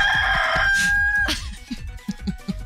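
A rooster lets out one loud, drawn-out crow lasting just over a second, backed by a steady, rapid low thumping of a helicopter that keeps pulsing on after the crow ends.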